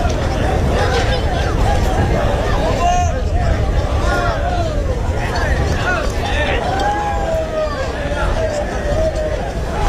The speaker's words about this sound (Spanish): Sonido de ese encierro del pilón con vacas de Pedro Domínguez que han volado por el recorrido. Prácticamente 50 segundos de encierro con un hombre trasladado al hospital universitario por politraumatismos tras una caída bastante aparatosa